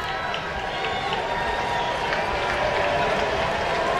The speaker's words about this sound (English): Crowd is on its feet.